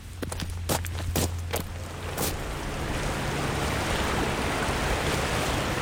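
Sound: river water flowing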